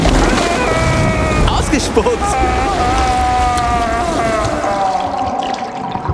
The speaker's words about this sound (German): Aber dafür kommt jetzt noch eine Ladung frisches Wasser für dich. Auch das noch? Ich hasse klares Wasser. Und gegurgelt wird auch noch.